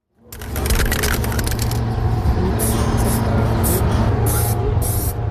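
Bursts of hissing aerosol spray paint, several short and long sprays in close succession, over a steady low rumble of outdoor background noise, as a person on scaffolding sprays part of a large anniversary mural onto a gymnasium wall.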